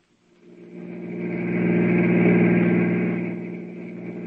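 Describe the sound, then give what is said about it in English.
A car engine starts up and runs with a steady low mechanical drone, swelling louder in the middle and easing slightly toward the end, with no voices, as the car is driven toward a hotel. “Now we're going over to visit him, Stubby. Get the car.”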